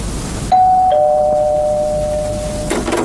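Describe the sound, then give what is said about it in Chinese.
A two-note ding-dong doorbell chimes: a bright higher tone, then a slightly lower one that rings on and slowly fades, with a faint rustle at the end and no voices. “谁去开下门？我在工作，谁去开开门？”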